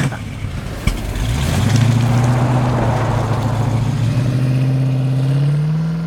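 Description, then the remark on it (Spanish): A car engine starts up and revs, its low drone rising steadily in pitch as the vehicle pulls away and accelerates, loud and continuous with no talking. The car is the driver's first car. “Es su primer auto.”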